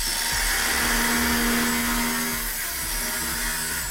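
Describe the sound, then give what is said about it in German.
A power tool drills steadily at a construction site in Großkreuz, in an open, light-filled warehouse where workers are building a heating system. Its whine holds a sustained pitch with faint rhythmic knocks underneath, loud throughout with no one speaking. “Seit den frühen Morgenstunden ist Azubi Janne auf der Baustelle im Großkreuz.”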